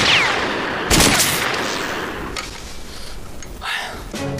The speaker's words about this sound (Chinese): 我也觉着纳闷，刚刚我打了几枪也都跑了吧？枪上没有准星，这个望远镜应该就是瞄准用的。